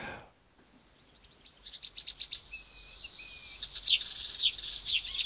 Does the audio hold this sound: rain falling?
no